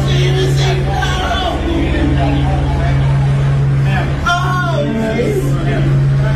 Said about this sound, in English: And I think they got the helicopter up. Yeah, that's nice. Hear it? Hear the helicopter?